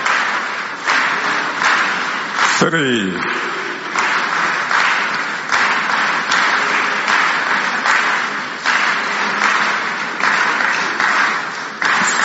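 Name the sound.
audience clapping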